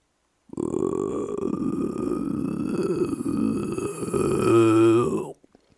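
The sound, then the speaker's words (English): A single loud, deep croak from a very big, fat bullfrog drones on for about five seconds, rough and raspy throughout, then ends in a brief vibrating, more tonal groan before cutting off. “As we examined it further, we heard a loud, sustained croak.”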